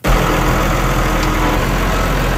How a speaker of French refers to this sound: Le tracteur qui est derrière moi, c'est comme 200 piastres de plus pour le remplir